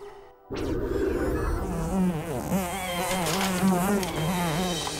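A fly buzzes loudly, its steady drone wavering up and down in pitch as it circles, continuing for several seconds after a brief silence.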